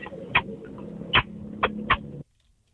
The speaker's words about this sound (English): But here's my kiss sound, I guess.